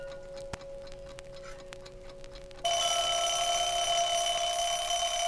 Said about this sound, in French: Et maintenant, le tic-tac d'un réveil et sa sonnerie. comme celle qui vous réveille peut-être pour aller à l'école.